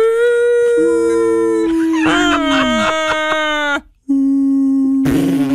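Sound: voice imitating whale song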